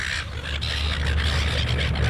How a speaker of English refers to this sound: Get out of it. Bloody seagulls.